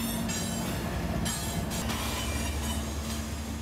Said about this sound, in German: Direkt am Ufer verläuft eine Güterzugstrecke, auf der gerade ein 100-Wagen-Zug minutenlang alle Übergänge blockiert.